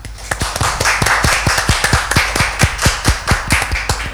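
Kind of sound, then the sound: crowd, audience clapping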